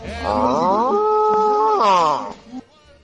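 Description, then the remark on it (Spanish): A bull lets out one long, loud bellow that climbs in pitch, holds a steady droning tone, then slides back down before trailing off into a short rough snort. “Ah, ese toro es romántico.”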